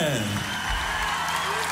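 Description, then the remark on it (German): An audience breaks into applause for Sumsi, a dense, steady wash of clapping that holds at an even loudness throughout, with a brief vocal cheer rising at the very start. “Großen Applaus für die Sumsi, bitte!”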